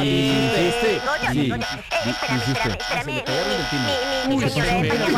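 A harsh, buzzing electric doorbell rings over and over as a home delivery arrives, almost without pause, with only brief breaks between presses. Voices talk underneath the loud, steady drone.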